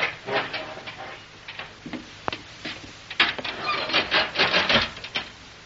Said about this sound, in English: Yeah, we have to yank this door open, don't we? You open it yourself, if that is what you mean.